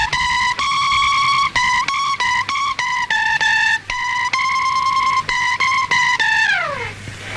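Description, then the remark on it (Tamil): A guitar plays a Hindi song melody alone as a rehearsal, fairly loud, in a run of sustained, evenly held notes with short breaks, ending on a note that slides steadily downward. “அந்த இந்தி சாங் ஒரு தடவை ரிஹர்சல் பாத்துலாமா?”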